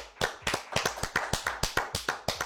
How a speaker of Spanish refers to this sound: Aplausos